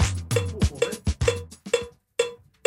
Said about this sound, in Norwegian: Vi befinner oss I Nidaros Studio, og I bakgrunnen hører du det fagfolket kaller klikk. Klikk rytmesignalet til musikere